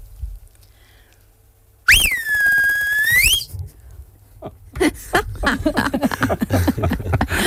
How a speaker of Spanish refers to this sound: Pero a ver, ¿cómo le silbabas a las ovejas? Te silbo aquí. Por favor.